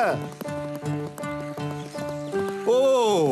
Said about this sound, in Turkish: Daha hızlı beygir, daha hızlı!